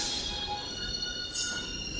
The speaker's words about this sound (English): It's a sound that you hear when you're standing on the platform and the train is just about to leave the station. And you hear these three pure high tones.